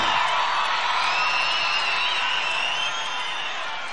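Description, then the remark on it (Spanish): A crowd applauds and cheers steadily for four seconds, a dense wash of clapping with whoops and shouts rising above it, the roar holding loud throughout and easing slightly at the end. “forte, forte, forte, forte, forte, forte el aplauso.”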